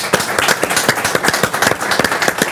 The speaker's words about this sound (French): Eh ben, on peut l'applaudir, merci beaucoup.